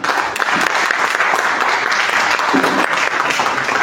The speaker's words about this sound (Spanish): A ver, a todo el público presente, un aplauso para los señores candidatos. De igual manera, un aplauso para los señores panelistas.